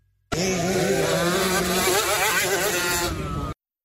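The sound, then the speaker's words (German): Several small motocross motorcycle engines whine and rev together in a continuous, buzzing roar, pitches rising and falling as throttles open and close, loud and steady for about three seconds. “Geht's heute um Bienen oder Hummeln? Nein. Sondern um Motocross.”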